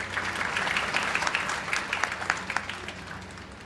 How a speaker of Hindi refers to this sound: तालियां बजती रहें।